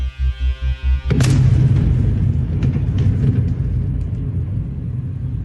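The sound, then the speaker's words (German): A rocket strikes a hospital shortly after 10 a.m.: after about a second of pulsing low droning, a sudden loud blast erupts and gives way to heavy, sustained rumbling that slowly fades. No one speaks. “Das Explosionsgeräusch stammt von einem Video, das wenig später auf Telegram gepostet wird. Man sieht die Rakete.”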